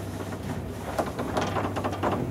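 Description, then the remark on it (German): A very old elevator in operation: a steady low mechanical hum with intermittent rattles and clattering bursts at moderate volume, with no voices. “Achtung, it's a very old elevator.”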